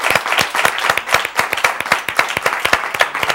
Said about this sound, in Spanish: ¡Fuerte aplauso de este plató para una gran actriz, Ana Obregón!